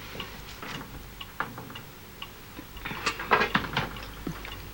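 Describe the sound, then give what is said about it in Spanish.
A clock ticks steadily, its sharp little clicks moderately loud, growing a bit busier and brighter toward the end, with no voices present. “¿Qué dice el reloj?”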